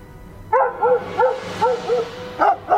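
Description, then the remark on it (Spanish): Dogs barking in a quick, uneven series of about seven sharp barks, slightly distant and a little echoey, over a low steady background rumble, with no voices. “Si escuchas a los perros a lo lejos, sigue adelante.”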